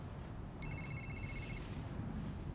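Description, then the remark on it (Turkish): A telephone rings once with a rapid, high electronic trill lasting about a second, heard over a low, steady background rumble with no one talking. “Telefon için özür dilerim.”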